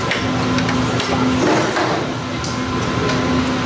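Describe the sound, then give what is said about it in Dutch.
A blood centrifuge, a large circular machine, spins very fast to separate blood into its components, with a steady, loud mechanical whir and low humming tone, broken by faint clicks and rattles, holding constant throughout with no voices. “Een soort wasmachine, hè? Ja, inderdaad, je ziet een hele grote cirkel waar je het in moet doen. En dat gaat heel hard draaien.”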